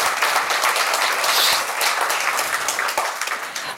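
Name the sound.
audience applause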